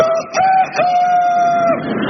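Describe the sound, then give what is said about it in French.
A loud cock-a-doodle-doo crow from a hen: a couple of quick clipped notes rising into one long, steady held cry that stops abruptly, with no talking around it. “Elles cocoricotent quand elles produisent en masse et elles n'oublient pas la sororité entre gallinacées.”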